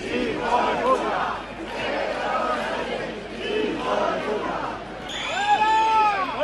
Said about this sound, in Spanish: No han faltado esta vez, como en años anteriores, como viene siendo habitual, los abucheos, pitidos e insultos al presidente del Gobierno, Pedro Sánchez.